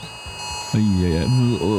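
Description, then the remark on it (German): A mobile phone emergency alert tone bursts in after a quiet start: a loud, buzzy, harmonic-rich tone that wavers and shifts pitch in short phrases, over a faint steady high whine. It is the warning sound sent to phones on Germany's nationwide warning day (Warntag), including in Bavaria, at 11 a.m. “Heute, da werden viele im Freistaat wieder erschrecken, inklusive mir, wenn am Vormittag um 11 Uhr plötzlich ein Geräusch wie das hier aus dem Handy kommt.”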